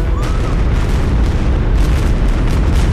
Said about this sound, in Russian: Завершается катаклизмос торжественным салютом.